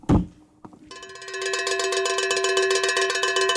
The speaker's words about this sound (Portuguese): Que sino de vaca intrometido, hein?